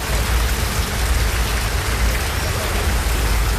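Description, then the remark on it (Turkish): Heavy rain pours steadily and loudly in Palu district, Elazığ, Turkey, causing flooding, a dense, continuous hiss of drops pattering on hard surfaces, with no break for the whole stretch. “Elazığ'da şiddetli yağmur Palu ilçesinde sele neden oldu.”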